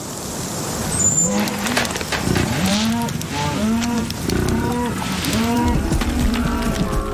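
Cattle low again and again across a ranch, their deep, drawn-out moos overlapping one another over a steady wash of background noise, with no voices present.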